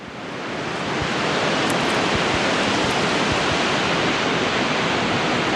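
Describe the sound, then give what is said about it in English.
Ocean waves crash against rocks in a steady, loud roar of surf that swells in over the first second and then holds as a dense, continuous wash of water noise, with no voices. “From black-legged kittiwakes nesting on the jagged edges of seaside cliffs, to a posse of surf scoters riding the ocean waves in a V formation as they forage for mussels off of the rocks below.”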